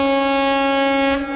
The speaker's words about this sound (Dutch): Nou, laat die misthoorn maar klinken hoor, vanaf Apeldoorn tot aan, in ieder geval tot Zwolle.